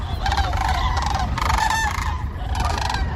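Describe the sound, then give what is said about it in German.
A flock of common cranes migrating over Germany calls overhead, overlapping trumpeting cries rising in repeated bursts over a steady low rumble of wind or background noise, fairly loud and continuous with no speech. “Kraniche, Leute, die sind gerade wieder unterwegs.”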